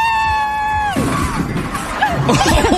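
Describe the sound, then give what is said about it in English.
A crowd cheers for Sir Jumps-A-Lot, a high-jumping golden retriever in Ontario, opening with one long, steady high whoop that slides downward after a second, then breaking into a loud, dense jumble of many voices yelling and cheering. “So many people cheering for him”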